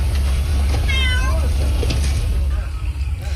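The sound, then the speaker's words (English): A cat gives one drawn-out, wavering meow, followed by a few softer mewing sounds, over a loud, steady low rumble like an engine or wind, as a firefighter gives the cat water from a bottle during a wildfire in extreme heat in Antalya, southwestern Turkey. “A tender moment caught on camera with a firefighter giving a cat water out of a bottle.”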